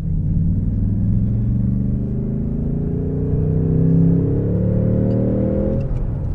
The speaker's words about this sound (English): So that was third gear, accelerating from 30 to 60 in third gear, and that will give you an idea of the torque of this V8 engine.